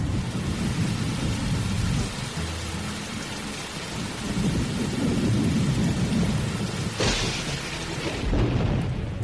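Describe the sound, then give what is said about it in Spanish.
A thunderstorm with steady heavy rain and deep rolling thunder rumbling throughout, loud, with a sharper crack of thunder near the end. No voices. “¡Ya llegó la gran tormenta!”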